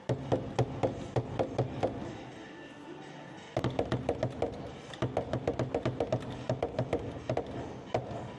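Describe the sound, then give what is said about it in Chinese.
The skin of a Linqing frame drum, a war drum, is struck again and again in quick, steady beats, following a rhythm like a music game, each hit a sharp thump. The beating pauses briefly partway through, then resumes in lively bursts of strikes. “上面有这个说法，敲击鼓面，先敲一下，体验一下，再敲击鼓面。”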